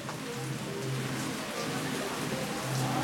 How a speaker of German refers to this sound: Deswegen haben wir jetzt zwei ganz tolle Broadcast-Menschen hier eingeladen. Bitte einen riesen Applaus für unsere zwei Gäste.